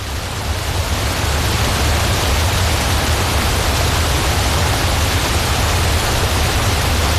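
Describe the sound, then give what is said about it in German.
A steady, loud roar of rushing water, like a large waterfall, with a deep rumbling undertone that stays constant throughout and no voices. “Und wir sind natürlich sofort auf die Suche nach einem Wasserfall gegangen.”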